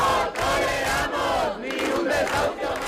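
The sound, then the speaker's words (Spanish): A large protest crowd chants together in the Puerta del Sol square in Madrid, Spain, where hundreds of people camp out for a third night despite falling temperatures; many voices merge into a loud, steady roar with brief rhythmic dips between shouted phrases. “ni la bajada de las temperaturas han impedido que cientos de personas sigan acampada una noche más en la Puerta del Sol de Madrid, en la tercera noche a la intemperie.”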